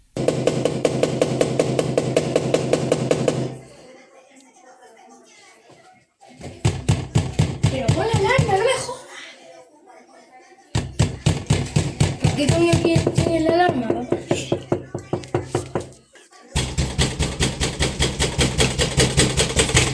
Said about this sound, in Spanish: Hasta ayer mismo nos enviaba un vídeo en el que aporreaban su puerta con los niños dentro.